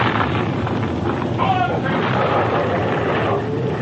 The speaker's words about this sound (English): He must have gotten across the bridge before it busted.